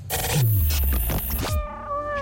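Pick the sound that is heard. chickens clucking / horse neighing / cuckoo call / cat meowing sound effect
cat meowing sound effect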